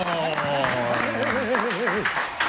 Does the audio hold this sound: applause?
yes